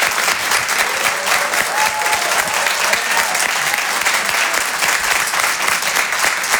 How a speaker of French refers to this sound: Merci d'applaudir très fort Guillaume Fosco à l'instant sur Rire et Chanson.